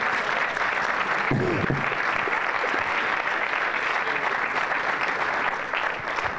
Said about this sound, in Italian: Voi fate un applauso, intanto fidatevi.